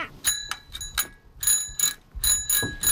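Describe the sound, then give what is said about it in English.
A bicycle bell rung rapidly and repeatedly, bright metallic dings in quick uneven bursts with a faint mechanical clicking from the lever, no voices. “I want a bike that has gears on it, that can go faster than this bike, and I need one that has a better bell. What does your bell sound like right now?”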